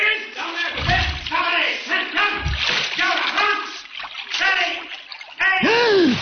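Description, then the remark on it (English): A heavy splash as a person dives deeply into water, with deep churning thumps of water at about one and two seconds, under a continuous voice with a final rising and falling vocal sweep. “You dive deeply”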